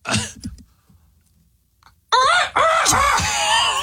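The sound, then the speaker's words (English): Someone imitates a seagull call with loud, squeaky, wavering cries, two strained bursts after a brief quiet stretch. “Okay, hit me with the seagull.”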